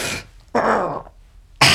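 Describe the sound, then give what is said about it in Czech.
Red deer stags bellowing in rut in the mountains: short, hoarse, guttural bursts, one a rough rasping roar that drops in pitch, set between breathy huffs, fairly loud, with no voices. “Už troubějí.”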